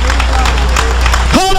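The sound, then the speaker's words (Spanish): A crowd applauds loudly and steadily for the Lord, a dense wash of clapping from many hands, until a sustained tonal sound, voice or instrument, rises briefly at the very end. “Si es para el Señor, dale fuerte ese aplauso.”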